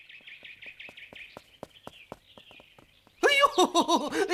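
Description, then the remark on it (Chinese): A magpie chatters in the morning in a quick, steady string of bright chirps, followed by a few sharp clicks and taps before a man's voice starts speaking loudly. “哎，我说今儿个早晨喜鹊怎么叫个不停呢？”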